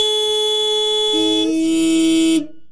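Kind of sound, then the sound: vehicle, loud car horn honking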